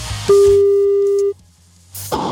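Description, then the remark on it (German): One loud, steady telephone ringing tone, from a number dialed by a host live on a Radio 21 show, lasts about a second, then cuts off into near silence before a burst of line noise returns at the end. “Ich wähle eine Telefonnummer.”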